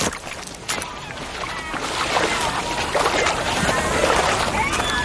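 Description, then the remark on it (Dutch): A small boat grinds and scrapes up onto a sandy beach, a steady rasping mixed with sloshing water that continues for several seconds. “Nou, we lopen nu een beetje vast op het strand.”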